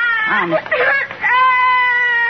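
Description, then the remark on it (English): A little boy crying loudly because he wants chewing gum and is too short to reach the gum machine: a few choked, wavering sobs followed by one long, high, drawn-out wail. “Well, but why are you crying?”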